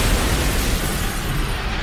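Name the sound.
dynamite explosion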